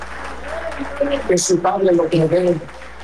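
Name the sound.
audience clapping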